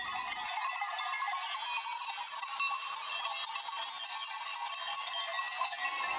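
A flock of sheep climbs a steep ski slope up a mountain with many bells clanking and jingling continuously, a dense metallic chiming with occasional faint bleats, steady throughout, no one speaking.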